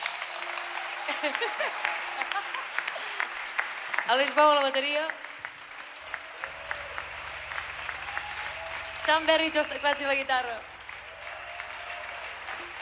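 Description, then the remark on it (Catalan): Steady crowd applause fills a live concert in Mallorca, with cheers and whoops rising twice, while a man on stage speaks over a microphone introducing the band members and a low hum sits underneath. “Un aplaudiment per als que estem aquí dalt.”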